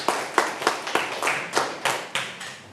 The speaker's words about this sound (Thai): เก่งมากเลยครับปรบมือให้เพื่อนๆหน่อยครับ